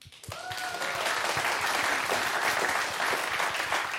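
A crowd breaks into sustained applause, dense overlapping clapping that stays loud and steady throughout, with a brief whistle-like tone near the start.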